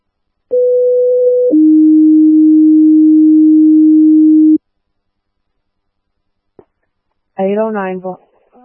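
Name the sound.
fire dispatch alert tones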